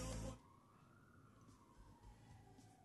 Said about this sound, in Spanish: Che, se siente la ambulancia para acá en el centro, ¿eh?